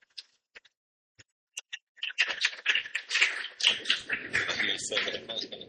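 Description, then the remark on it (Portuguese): A few scattered, isolated claps grow into a full round of lively applause from many hands, dense and steady for the last few seconds. “Uma salva de palmas também para eles.”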